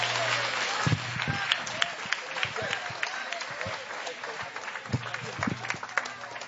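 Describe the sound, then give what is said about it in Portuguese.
A church audience claps hands for Jesus and gives glory in a dense, steady burst of applause, with sharp louder claps popping out and a murmur of voices underneath throughout. “Bate palmas e dá glória.”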